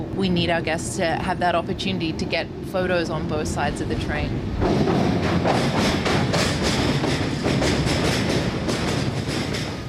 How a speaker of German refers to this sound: Kodak Speed nennen das augenzwinkernd die Mitarbeiter des Rocky Mountaineer. Der Zug fährt mit durchschnittlich etwa 50 Kilometern pro Stunde, damit die Gäste mit ihren Digitalkameras aus allen Blickwinkeln die Landschaft fotografieren können.